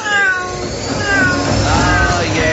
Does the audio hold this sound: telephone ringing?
no